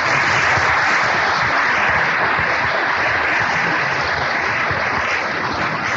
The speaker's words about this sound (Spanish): quiere expresar públicamente un especial agradecimiento al señor Roberto Ávila González, presidente municipal constitucional de la ciudad de Veracruz, para quien pedimos un gran aplauso por su colaboración.